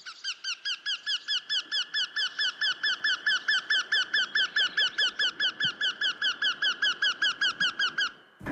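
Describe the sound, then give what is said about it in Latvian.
A Eurasian wryneck, a bird of the woodpecker family, calls in a long, steady run of rapid, nasal, squeaky notes repeated evenly for about eight seconds, loud and clear with no talking. “Tītiņš ir dzilnu dzimtas putnes, tātad radniecīgs dzeņiem, taču dobums tas pats nekaļ.”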